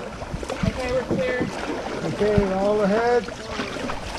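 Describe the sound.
A crew paddles a canoe through open water toward a nearby beach, with paddle swishes and splashes under steady wind noise, while several people talk and call out.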